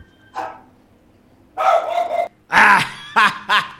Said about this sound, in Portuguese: Sai, cachorro! E o cachorro latiu, delegado! Você sai correndo aí que esse cachorrão te pega aí, bebê.